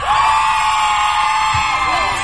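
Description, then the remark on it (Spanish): A crowd of fans shouts and cheers loudly and continuously, high-pitched whoops and screams blending into a dense roar that stays steady for a couple of seconds. “Pero no sé si ella quiera que se escuche más fuerte el grito.”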